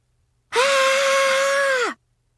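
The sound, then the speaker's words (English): A person lets out one loud, sustained scream of terror, holding a steady high pitch for over a second before it dips and cuts off, with silence around it. “That was me screaming in terror.”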